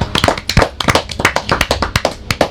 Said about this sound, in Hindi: वाह वाह, very good, तालियां बजाइए।